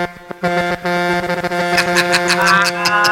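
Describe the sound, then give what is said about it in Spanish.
A loud, brassy truck horn honks, sounded by a caller from his truck in New Jersey, starting with a few short choppy blasts before holding a long, steady, blaring tone to the end. No one speaks over it. “Tócame la bocina otra vez.”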